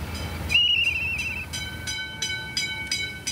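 An old railbus pulls away on the old line between Lütjenburg and Malente, a low rumbling engine under a high, steady squeal, followed by a series of rhythmic clacks as the wheels cross rail joints.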